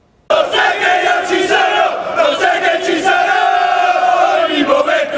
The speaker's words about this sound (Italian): Le voci degli ultras e i colori biancazzurri hanno accompagnato la squadra nel cuore della città. Da piazza 20 settembre il corteo del Martina Calcio ha raggiunto la Basilica di San Martino